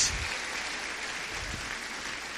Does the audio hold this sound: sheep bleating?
no